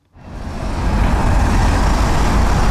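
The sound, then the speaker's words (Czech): Cars rolling slowly over the Hlávka Bridge in Prague, heading from the centre to Holešovice in a single lane during road repairs, a steady rumble of traffic with heavy low-end road noise that swells in quickly and then holds constant, with no voices. “Po Hlávkově mostě pomalu projíždí auta z centra do Holešovic.”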